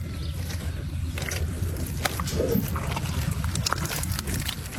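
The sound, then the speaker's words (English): Busy outdoor ambience on a dairy farm in Tallagaroopna, Victoria, on a wet, boggy morning, where 800 Jersey cows are milked: livestock shuffling and low animal sounds over a steady rumbling background, dotted with occasional clanks and sharp clicks. “It's a wet and boggy morning on this Victorian dairy farm in Tallagaroopna.”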